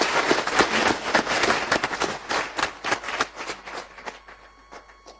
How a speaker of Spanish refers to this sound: también quiero avisarles que están presentes aquí la Comisión Internacional Pro Vida, que ha venido a dar alguna conferencia en el país. Estamos muy contentos por ello, le damos la más cordial bienvenida y con un caluroso aplauso que se merecen.